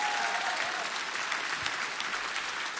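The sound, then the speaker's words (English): Sustained applause from a large audience at a live band performance as a keyboard player is introduced, a dense wash of many hands clapping at steady loudness throughout, with a faint whistle near the start and no talking. “Yeah, Tempere, keep that Tempere applause spicy.”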